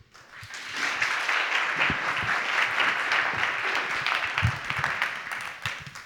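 Steady audience applause as Catherine Sabat, general delegate of Idéal, is called up at a debate on real-estate speculation, a dense wash of many hands clapping at once, sustained and fairly loud for several seconds before tapering slightly at the end.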